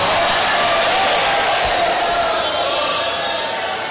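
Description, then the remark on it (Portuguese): An audience applauds the Lord loudly and steadily, a dense wash of clapping mixed with crowd shouts and cheers that holds at full strength for several seconds. “Aplaude ao Senhor!”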